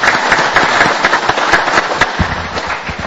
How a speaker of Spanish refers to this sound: Yo creo que se merece un fuerte aplauso por el Día de los Niños en Paraguay.